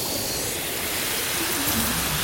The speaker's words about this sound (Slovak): Ako sa máš, more? Šumí. Na čo šumíš? Šumieť sa musí. Stále sa musí. Šumí.